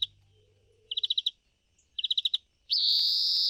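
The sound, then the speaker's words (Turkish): Greenfinch song: two quick bursts of five or six bright, high twittering notes, then a long, loud, buzzy wheeze that holds steady to the end. No voices. “Florya'nın çok güzel bir sesi var.”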